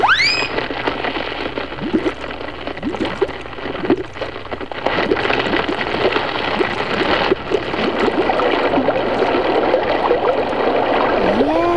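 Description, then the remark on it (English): Rushing river water pours steadily throughout, a dense, continuous wash of flowing sound with bubbling, gurgling accents, fairly loud, with no voices present. “River, river, outward flow, or Drakestail to his death must go.”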